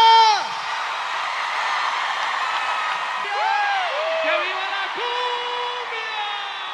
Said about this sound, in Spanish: aplauso fuerte